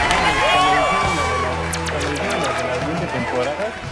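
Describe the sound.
A loud crowd cheers and shouts excitedly, with scattered clapping bursts mixed into the steady roar of many voices for several seconds, applauding a correct answer (Homer Simpson) in a character-guessing game.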